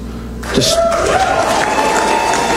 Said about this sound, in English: And at the Freedom Tower in Miami, the crowd erupts.